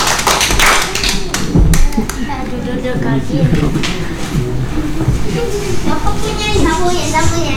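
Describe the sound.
An audience applauds at the close of a Mandarin language segment on Pro 1 RRI Manokwari radio, steady, dense clapping running throughout, mixed with a murmur of voices and a few sharper taps standing out early on.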